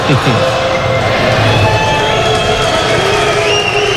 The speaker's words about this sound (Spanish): Ahora queda inaugurada oficialmente la 34ª edición de la Euskal Encounter, con los silbidos, aplausos que podéis escuchar de fondo.